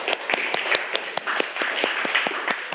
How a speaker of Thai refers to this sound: ปรบมือให้กำลังใจเพื่อนก่อนเร็ว